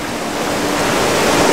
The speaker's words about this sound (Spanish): Y los pequeños arroyos se han convertido en grandes torrentes. Desembocan en el Vela y causan que el río crezca y se eleve. La fuerza del agua derriba árboles. Rompe sus troncos como si fueran ramas. Y se los lleva lejos.